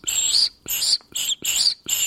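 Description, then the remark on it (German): Five short, breathy blasts blown into a pasta tube, each producing a loud, shrill whistling tone, with brief pauses between them and no talking. “wenn ich reinpuste, das klingt cool, so ein richtig hoher, pfeifender Ton”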